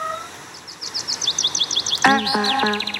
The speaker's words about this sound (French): Je connais, c'est des oiseaux.